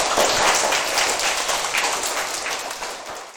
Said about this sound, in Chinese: 我觉得你的这个想法应该值得大家一个掌声啊，请坐。